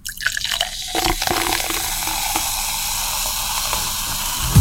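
Carbonated juice is poured into a glass, a steady bubbling hiss and crackle of carbonation that holds evenly for several seconds after a brief splashing start, with no talking.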